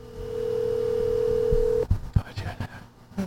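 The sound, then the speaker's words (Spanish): A steady electronic phone tone sounds for about two seconds, the ringback of an outgoing call placed directly by phone rather than over WhatsApp during a live broadcast, waiting to connect, then it cuts off and people start talking. “Ok, lo estoy llamando por WhatsApp. Déjame llamarlo directo.”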